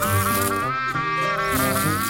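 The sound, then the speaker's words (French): A fly buzzes loudly and steadily close by, its whining drone wavering slightly in pitch as it hovers, with no voices present. “Tandis que les autres mouches se contentaient de virevolter au gré du vent, de se poser sur les fruits mûrs, les museaux des vaches ou les crottes de chiens,”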